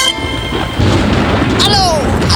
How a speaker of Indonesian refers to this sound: Aduh, kenapa sih? Aduh, gede banget tuh petir. Ih, biasa aja dong. Itu kan cuma petir biasa. Takut sih? Ya gimana gak takut, suaranya besar begitu.